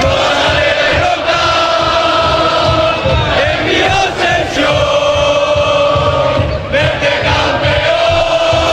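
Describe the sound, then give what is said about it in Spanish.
A large crowd of fans welcoming the Málaga football team at Málaga airport cheers and chants loudly and continuously, a dense roar of many voices with rising shouts, keeping up the din throughout. “Este es el recibimiento al equipo en el aeropuerto de Málaga.”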